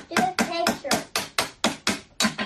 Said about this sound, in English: like a bunch of plastic ice cubes, and then you hit them with a hammer